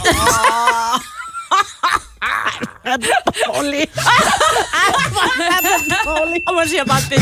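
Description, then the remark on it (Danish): A small bell dings once near the end, after a joke, and its bright tone rings on quietly beneath chuckling and talking voices, after a stretch of laughter. “Der kommer en lille ding til sidst.”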